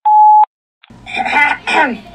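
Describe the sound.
A single loud, steady mid-pitched answering machine beep on the backlandradio.com message line lasts about half a second, followed by a brief pause, a faint click, and then a person starting to speak.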